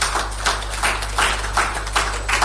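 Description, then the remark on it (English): A crowd applauds Asempa Sports during a speech in a steady wash of clapping, with several louder bursts of hand claps rising and falling over a constant low hum, and no one speaking. “Let's clap for them, please.”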